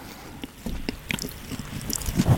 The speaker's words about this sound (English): Just chew as loud as you can into the pop shields. This is one of the most undignified things I've ever done.